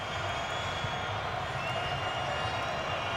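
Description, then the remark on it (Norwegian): A large stadium crowd of Egyptian supporters keeps up a sustained, shrill whistling during stoppage time of a football match involving New Zealand, over a steady roar of voices, a dense wall of sound that stays loud and constant throughout. “Det pipes fra publikum. Egypterne vil nok at det skal blåses av her nå.”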